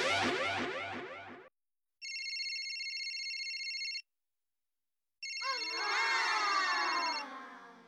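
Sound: alarm clock ringing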